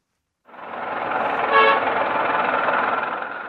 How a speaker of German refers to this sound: Verkehrschaos gehört in Hanoi einfach dazu. Das gilt auch für den vielbefahrenen Tian-Tien-Kreisverkehr.